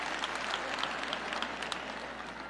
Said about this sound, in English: See, when you clap those wimpy claps, I know it's because you're having a hard time clapping loud because you're kind of maybe in that category.